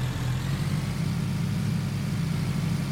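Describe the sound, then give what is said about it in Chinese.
A car engine in a video game idles steadily, a low rumbling hum with a constant, even drone and faint mechanical throb throughout, with no voices over it. “这里有个车，莫非这里到处都是人？”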